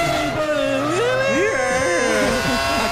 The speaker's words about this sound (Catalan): Així sona un e-power. Conducció elèctrica sense endolls.